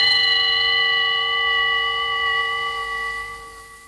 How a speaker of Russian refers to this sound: Ваше превосходительство, часы на ратуше пробили 12 ударов.